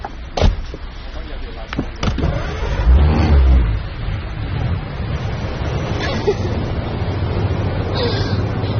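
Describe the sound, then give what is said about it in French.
A couple of sharp clicks and thumps, then a car engine turns over and revs up before settling into a steady, low idling rumble that continues to the end. “Il ouvrit la voiture et s'assit au volant.”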